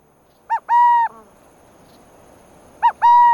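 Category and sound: bird, burrowing owl call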